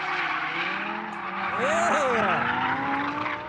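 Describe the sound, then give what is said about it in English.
The high-revving 5.2-litre V10 engine of a drifting Lamborghini Huracan roars on a track while tires squeal in a long, wavering skid, the engine note swooping up and down through the drift over a steady bed of tire noise. “The drifting Lamborghini was based around the Lamborghini Huracan standard 5.2-litre V10 engine.”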